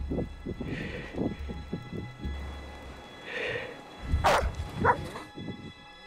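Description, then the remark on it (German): An avalanche search dog gives a few sharp barks and yips, loudest near the end, over low rumbling and scuffing noise as it digs, signalling that it has picked up a scent. No one speaks. “Durch Graben und Bellen soll der Hund signalisieren, dass er Witterung aufgenommen hat.”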